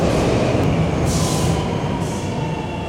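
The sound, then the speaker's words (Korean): A subway train rumbles loudly and steadily, pulling into a platform, with two short bursts of airy hiss partway through. No voices are heard. “스크린 도어가 열립니다. 발빠짐 쥐.”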